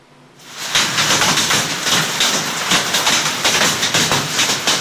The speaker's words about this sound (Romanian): Comuna Căciune, județul Gorj, ora 8 seara, praf fost de un peste 20 de minute, așa bate piatra.